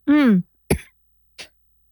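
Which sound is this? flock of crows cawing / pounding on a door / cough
cough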